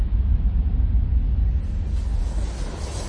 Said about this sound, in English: Home is the big-bellied airplanes always soaring overhead. The jet engine shrieks as you stack blocks or push plastic cars, and the rumble you feel through the floorboards is the promise of home.